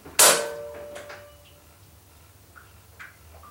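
A sharp metallic clack of a bathroom door lock being released by hand, followed by a softer click and rattle of the door handle being gripped and turned, then a couple of faint small clicks, otherwise quiet.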